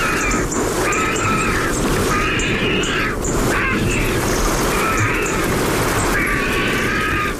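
Water drips steadily from tree canopies onto the ground, a dense, continuous patter of small taps, with a recurring mid-pitched call sounding every second or so above it.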